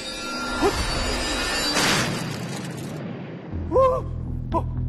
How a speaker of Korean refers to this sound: 주먹 로켓이 폭파했어! 주먹 로켓은 계속 나오니까 걱정 마.